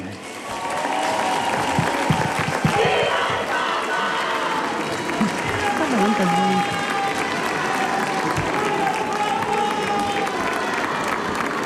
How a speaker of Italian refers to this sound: E abbiamo ascoltato l'Angelus da Castel Gandolfo, l'Angelus di Papa Leone, ancora una volta il grido della folla, viva il Papa.